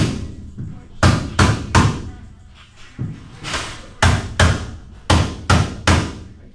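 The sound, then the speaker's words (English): Construction crews hammer on wall frames on the upper floors of an outpatient health center, sharp blows striking repeatedly in quick bursts of three, with a low background murmur of voices between the series of impacts. “Back at the outpatient health center, construction crews hammer away at wall frames on the upper floors.”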